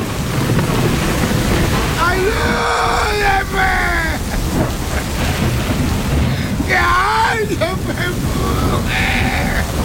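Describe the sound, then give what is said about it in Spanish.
Torrential rain pours down at 3 a.m. in a loud, unbroken hiss, with a low rumble of thunder beneath in a storm with lightning, while two wavering, bleat-like vocal cries rise over the downpour. “Caía un torrencial aguacero con tormenta, con rayos y centellas.”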